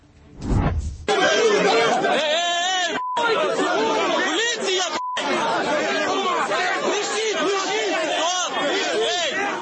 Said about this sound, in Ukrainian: Це Львів. Жвава вулиця у спальному районі перекрита протестувальниками, які кричать «Ганьба!» і вимагають відпустити чоловіка, якого затримала група оповіщення і відвезла до районного ТЦК.